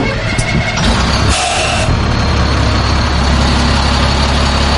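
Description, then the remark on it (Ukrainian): A new heavy military vehicle's engine roars loudly, with a brief surge of harsh revving early on before settling into a steady, deep rumbling run. “Машина нова, машина класна. Зауважень до неї немає, вона їде, ну, надійно.”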